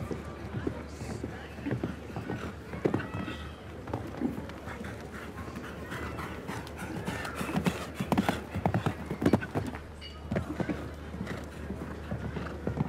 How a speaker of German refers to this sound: Lässt so ein bisschen mehr Gleichmäßigkeit, Ruhe im Galopp, weil das Pferd auch noch nicht allzu viel Erfahrung hat, diesem Level eben und besonders in einem Stechen.